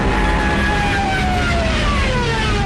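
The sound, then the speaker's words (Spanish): A loud, continuous roar of a diving Stuka warplane, its wailing siren slowly falling in pitch over a dense wash of engine noise, overpowering throughout. “También millones de civiles, peleando por un hueco en trenes y camiones, o a pie, largas filas en las carreteras, espantadas por el estruendo de los aviones Stukas, de sus ametralladoras y sus sirenas, apodadas las trompetas de Jericó.”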